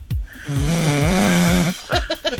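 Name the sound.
man snoring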